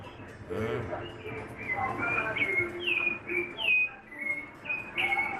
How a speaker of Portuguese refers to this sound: o Vitor tá dizendo que esse canto do Sabiá, quem conhece sabe, é Sabiá chamando chuva